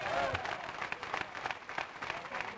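A church audience applauds Christ steadily, many hands clapping in a dense, continuous patter that holds at an even, moderately loud level throughout, with a brief voice faintly audible at the start.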